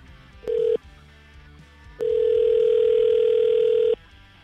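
A phone line's ringback tone on an outgoing call placed live on air on radio station 101.9 POR: a brief steady beep, a pause, then one long two-second ring tone, clear, with no voices.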